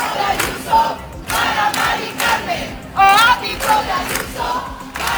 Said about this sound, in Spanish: También aquí en la ciudad se ha escuchado ese cántico, el ático de Ayuso para Mari Carmen, concentración en el Toural para reclamar políticas que permitan un acceso a una vivienda digna.